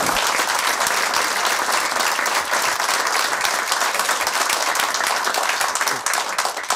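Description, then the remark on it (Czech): Sustained, dense applause from a large audience, many hands clapping at once in a steady roar that holds at full strength throughout, with no voices standing out. “Se omlouvám za tohle gesto, že jsem přerušil ten potlesk.”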